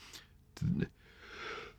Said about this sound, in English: excuse me. Bless you.